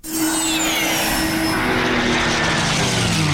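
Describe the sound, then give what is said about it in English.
A loud, continuous aircraft engine roar at the Barrington Coast Air Show at Tari Airport, dense and rumbling, with a high whine and a low droning tone that both slide gradually downward in pitch as it sweeps past. “Feel the roar at the Barrington Coast Air Show.”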